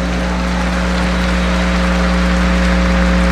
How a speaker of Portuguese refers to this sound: Tem muita gente rezando. A salva de palmas para quem está em casa.